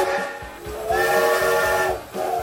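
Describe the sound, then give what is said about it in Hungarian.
A steam locomotive whistle blows in a sustained, loud blast with harmonic tones, swelling and fading, backed by steady steam hiss and faint rhythmic chuffing underneath; tied to Hungary's last MÁV steam-hauled passenger train service, stopped in 1984. “1984-ben ezen a napon a MÁV leállította az utolsó magyarországi gőzvontatású személyvonat forgalmát.”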